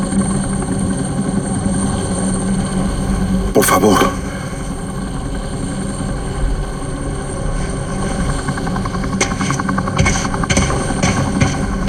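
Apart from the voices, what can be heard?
helicopter hovering overhead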